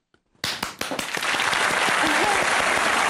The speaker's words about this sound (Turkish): Kendi alkışımı kendim yapacağım.